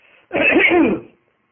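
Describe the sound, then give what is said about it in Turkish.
A single, fairly loud bout of throat clearing with a cough, lasting under a second, with faint background hiss before it and silence after. “bu bizim sık sık öksürmemiz, sizde hasta olduğumuz yağını uyandırmasın.”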